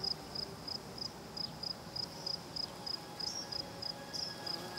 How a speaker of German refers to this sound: Im typischen Konzert des Südens geben Grillen und Heuschrecken den Ton an.